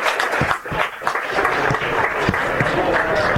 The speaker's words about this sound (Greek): Σηκώνεται ο Παρασκευάς και δέχεται έτσι ένα ζεστό χειροκρότημα από όλους τους φιλάθλους.